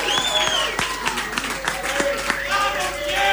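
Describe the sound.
A crowd applauds steadily, dense overlapping claps with sharper individual hits, while voices cheer and shout over it and high, sliding whistles cut through.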